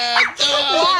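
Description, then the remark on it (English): A person's voice mimics a small dog yapping: two quick, shrill, whiny bursts, loud, with no other talking underneath. “If your dog sound like that,”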